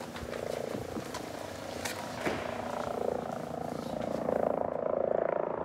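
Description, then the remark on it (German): A helicopter approaching in the distance to land in a yard, its rotor making a steady, rapid low thudding over a broad rushing drone that swells slightly toward the end. No voices. “Ich glaube, wir hören schon irgendwas in der Ferne. Tut schon Schläge.”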